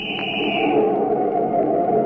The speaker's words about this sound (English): Hey, you! Can't you hear my whistle? Pull over to the curb.